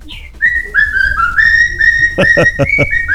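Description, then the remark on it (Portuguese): A cockatiel whistles a loud, steady melody of long sustained notes that step and glide in pitch, ending with a quick run of sharp, rhythmic chirps. “Tá fazendo a festa no assovio lá.”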